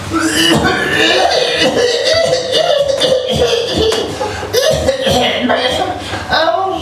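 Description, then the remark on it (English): A run of loud coughs, harsh bursts repeating every second or so over a steady, noisy background, with no clear words spoken. “I cough and my eyes, I have lots of water in my eyes and I don't like the dust, but I cannot say why not, because the dust doesn't hurt me, but for some reason I always have to cough.”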